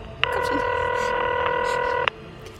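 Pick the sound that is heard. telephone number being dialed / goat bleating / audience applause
telephone number being dialed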